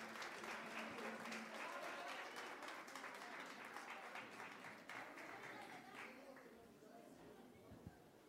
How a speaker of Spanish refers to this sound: Recibamos con un fuerte aplauso a la ejecutiva, por favor.